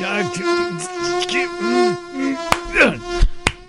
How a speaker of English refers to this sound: Mosquitoes. They are, they're such a small little thing, but they can cause big discomfort, if you will.